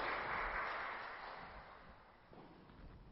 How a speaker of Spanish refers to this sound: Un aplauso para ellos.